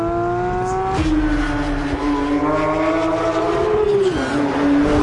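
An electric Porsche sports car accelerates, its steady synthetic hum of layered tones jumping in pitch after a second, swelling, then dipping and climbing again near the end, with no voices.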